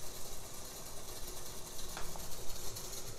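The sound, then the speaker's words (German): A dense, continuous mechanical clatter of accordion keys and valve flaps worked by the left and right hands together, many small rapid clicks blurring into a steady rattling texture with a bright, hissy edge, sounding alone without any voices. “Das ist jetzt hier dieser Tastenklapperteppich, ein Tutti-Tastenklapperteppich der linken und rechten Hand.”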